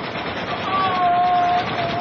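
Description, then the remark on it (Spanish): Several machine guns fire from a ship, a rapid rattle without pause, a dense, harsh crackle that holds steady and loud for the whole stretch, with a faint whine threading through the middle. “Pero desde el barco agresor funcionan varias metralletas”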